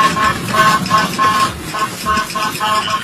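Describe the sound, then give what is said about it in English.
A patrol car air horn honks in a rapid series of loud, tonal blasts, one after another with short gaps, over a rumbling outdoor background, as a Minnesota sheriff's sergeant uses it to steer a group of runaway cows away from a roadway. “The officer used both his patrol car and the air horn to steer that group of runaway cows away from a roadway.”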